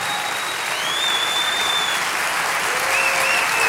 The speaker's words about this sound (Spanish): Vamos, dale ese aplauso al Rey de Reyes. Fuerte, fuerte, fuerte, fuerte.